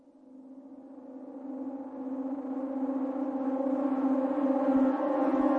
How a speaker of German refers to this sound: Als das abwärts fahrende Aufzuggeräusch verstummt, gehen die schon einmal gehörten Sirenentöne los.